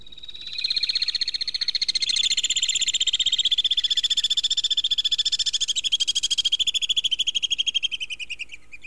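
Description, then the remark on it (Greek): A continuous, shrill trilling chatter of alpine swifts over the Pedion tou Areos, rapid pulsing calls that run steadily for several seconds, loud with no other sounds around them. “Είναι οι βουνοσταχτάρες. Βουνοσταχτάρες. Είναι ένα είδος ταχτάρας ή πετροχελίδωνου, όπως το ξέρουν οι παλιοί.”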